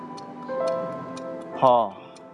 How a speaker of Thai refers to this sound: พ่ออยากได้นาฬิกาโบราณอายุร้อยกว่าปีที่มีนกกุ๊กกูบอกเวลา